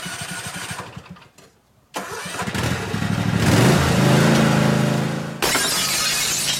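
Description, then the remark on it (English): A small engine sputters and revs up as a lawnmower starts, running loudly, then a sharp, crisp burst of shattering glass cuts in near the end as a car's side window glass breaks. “Open Monday through Friday from 8 to 5, Richie's can fix your broken automotive side glass from those pesky lawnmowers, even rock chips.”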